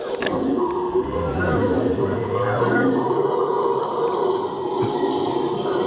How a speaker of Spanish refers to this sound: A ver, espera. Dejen poner el mono aullador. Ahí va.